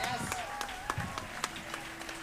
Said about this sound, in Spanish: Bueno, fuerte aplauso. Un aplauso para esos vientos, para esos vientos.